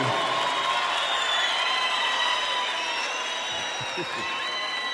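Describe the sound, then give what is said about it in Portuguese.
A crowd applauds and cheers for the full five seconds as a sertanejo singer is called up to sing: a dense, steady wash of clapping with shrill whistles and whoops riding over it, loud and unbroken throughout. “Cadê os aplausos?”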